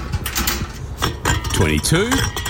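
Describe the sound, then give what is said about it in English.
Empty drink cans being counted and collected for a can refund clatter and clink together in a quick, irregular series of sharp metallic knocks, with a brief voice sounding over the later rattles. “Ha, nah, collecting cans. This stash will get me close to $100.”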